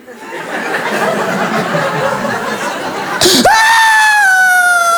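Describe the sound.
Steady crowd laughter fills the first seconds, then a man's voice imitates a baby girl's crying fit that begins silent, bursting into one loud, sustained, high wail whose pitch slowly falls.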